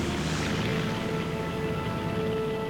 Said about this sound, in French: Le temps de décharger le matériel, le pilote est de retour dans sa cabine. L'avion glisse sur ses skis, décolle, puis disparaît dans le ciel.